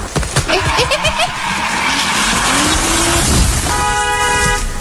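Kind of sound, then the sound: vehicle, car braking hard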